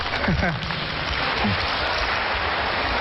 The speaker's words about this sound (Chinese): 谢谢大家给我们这么热烈的掌声。